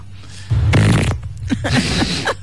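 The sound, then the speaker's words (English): A loud, buzzing fart sound effect blasts for about half a second, then trails off into a rougher, sputtering tail of lower-level noise. “A fart corner.”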